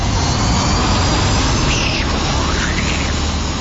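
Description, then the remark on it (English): A loud, steady roar of an Air North jet airplane flying past, used as a radio station 6PR cue sound effect, with a faint whining engine tone that rises and falls midway through. No one speaks. “When you hear the cue to call, which is this.”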